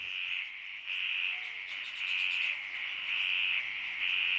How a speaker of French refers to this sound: Donc là, nous entendons des sons de grenouilles autour d'une mare à Coily Alpha le lendemain d'une pluie. Donc il est à peu près 8h du matin.